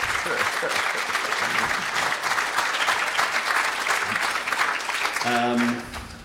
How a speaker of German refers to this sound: … und …. Euer Applaus.